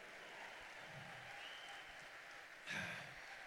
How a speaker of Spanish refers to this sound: Dale fuerte, dale fuerte, dale fuerte, dale fuerte. Que viva Cristo, que viva Colombia. Dale fuerte el aplauso.